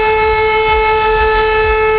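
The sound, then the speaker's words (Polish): A loud, steady civil defense siren of Poland's alarm system, sounding during a test, wails continuously, its sustained tone holding level with strong harmonics and a low rumble underneath, with no one speaking. “W wielu miejscach można było usłyszeć taki dźwięk.”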